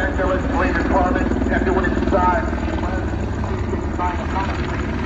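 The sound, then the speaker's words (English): A police helicopter drones steadily overhead while a muffled, garbled voice blares through its loudspeaker, the announcement distorted and impossible to make out. “if you're going to go with the making announcements from the chopper, you have to have a better system”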